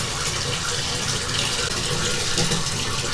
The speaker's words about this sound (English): Alright. That's good on the hot water. Turn that back down. This bathtub is starting to get dangerously full.